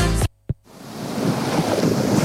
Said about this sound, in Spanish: ¿El sonido de las olas?